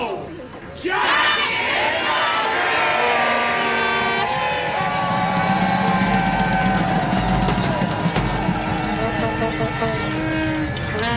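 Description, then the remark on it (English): A loud, dense crowd roars continuously, with many voices shouting and cheering over one another after a brief quieter moment at the start, the din staying steady throughout, as green smoke from a flare envelops the crowd. “Green smoke from a flare escapes through the letterbox and envelops the crowd as the atmosphere intensifies.”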